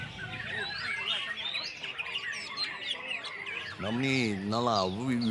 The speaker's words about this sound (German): ein sehr feines Gehör haben, um dieses Vogelkonzert schätzen zu können.